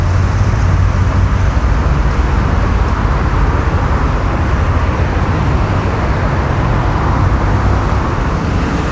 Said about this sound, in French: Alors là, on va passer sous la passerelle. Donc ça va être encore une acoustique de dessous. On a donc là des voitures devant, derrière et dessus.